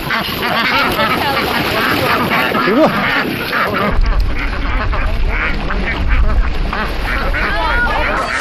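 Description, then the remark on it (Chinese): A flock of free-range rice-paddy ducks quacks continuously in a busy, overlapping chorus as cooperative members gather them back from the rice field before the autumn harvest, with a brief spoken word and some low rumbling noise partway through. “密密层层的稻田下，鸭子在自由嬉戏，大伙儿要把放养的稻田鸭抓回来。”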